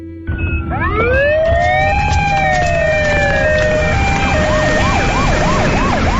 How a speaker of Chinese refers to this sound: 好，好，你坚持住，救护车马上就到你楼下了，我看到他们了，再过两个路口。